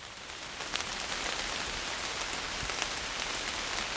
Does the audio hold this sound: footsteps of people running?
no